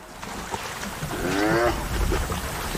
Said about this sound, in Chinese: 在野生动物观赏之旅中，斑鬣狗常会让游客们看到极为震撼的画面。这两只斑鬣狗为什么打架？